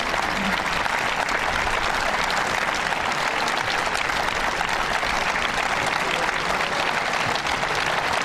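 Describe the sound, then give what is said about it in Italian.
An audience at a band concert claps steadily for over eight seconds after a musical piece, a dense, even roar of many hands applauding with no pauses or talking over it. “grande applauso da parte del pubblico.”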